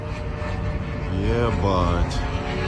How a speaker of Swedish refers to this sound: Svordomarna haglade tätt i staden Himki i Moskva län idag när folk ute på gatan filmade drönare som attackerade regionen.